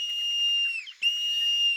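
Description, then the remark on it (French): A marmot's alarm whistle, given on sensing danger from the noise of footsteps on a rocky uphill path: two long, steady, piercing high-pitched calls split by a brief dip, loud and clear with nothing else around them. “C'est une marmotte. L'été, les marmottes aiment gambader ou se prélasser sur les rochers. Mais quand elles sentent un danger, elles sifflent.”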